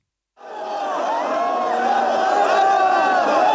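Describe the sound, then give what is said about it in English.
A large crowd of mourners in the streets of Nairobi, tens of thousands gathered to see the coffin of Raila Odinga as his body returned home from India, chanting and shouting together, a loud, dense wall of many voices that starts abruptly after a brief silence and swells steadily, with rising and falling cries over the roar. “Tens of thousands packed Nairobi streets to see his coffin a year ago as his body returned home from India, where the veteran opposition leader and former prime minister had died.”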